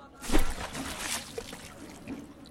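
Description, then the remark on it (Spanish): A metal trumpet is thrown into the Guadalquivir river, plunging into the water with a sharp splash, followed by a couple of seconds of soft sloshing and trickling as the surface settles. No voices. “Lo suspendió sobre las aguas del Guadalquivir y como ofrenda por todo lo recibido de aquel caudal de cante, pasión y cultura, lo arrojó al río.”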